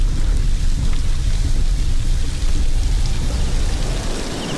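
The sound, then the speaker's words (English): Heavy rain falls steadily and loudly on the roads as daylight fades, a continuous dense hiss over a deep low rumble, with no voices and no breaks for the whole stretch. “But daylight is fading, and the rain is making the roads more dangerous by the minute.”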